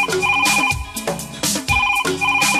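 A telephone rings with a bright electronic ringtone, its melodic pattern repeating in loud bursts about once a second, with no one talking.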